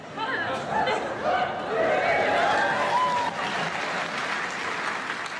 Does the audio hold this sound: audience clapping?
yes